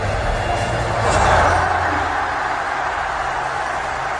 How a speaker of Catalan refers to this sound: Doncs això que escolteu és l'ovació que vam viure a la velada quan Illo Juan, després de perdre contra The Gref, li va donar un morras.